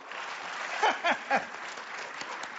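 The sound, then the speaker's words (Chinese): An audience at a Chinese crosstalk (xiangsheng) comedy performance claps steadily throughout, a dense, even patter of many hands, with three short voiced cheers or whoops rising briefly above it midway. “哎，对，鼓掌就对了，说明您这叫鼓掌接福，愿福到您家。”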